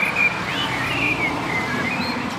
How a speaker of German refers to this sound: Der sitzt hier vor mir auf einem recht kahlen Baum, deshalb kann ich ihn erkennen. Ein schwarzer Vogel, mehr kann ich nicht ausmachen. Und der gibt wirklich alles. Der sitzt da ganz allein und scheint gerade in die Welt zu rufen, hey, hier wäre ich.